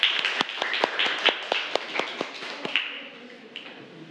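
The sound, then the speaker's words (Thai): A group of students claps for their classmates in a steady rhythm of sharp, evenly spaced claps over a dense patter of scattered hand claps, as a teacher starts the group presentations with group 2. The clapping fades toward the end with no voices. “ครูขอเริ่มจากกลุ่มที่2ก่อนนะคะปรบมือให้เพื่อนหน่อยเร็ว”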